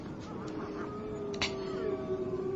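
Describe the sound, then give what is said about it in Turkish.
Hungry wolves howl in long, drawn-out wavering cries that slowly rise in pitch, layered over a steady background hiss, with fainter overlapping howls at the start. “Evet, aç kurtların ulumalarıdır bunlar.”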